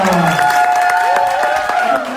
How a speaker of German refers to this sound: Ja, das erste Los ist gezogen worden und wir klatschen ihn auf die Bühne. Macht bitte Lärm